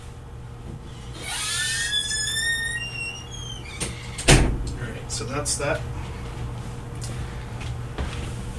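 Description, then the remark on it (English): A door hinge creaks in a rising squeal for a couple of seconds, then the door shuts with a single solid thump, followed by a few quiet clicks and a brief spoken remark. “And while I'm thinking of it, I'm going to just close the door here.”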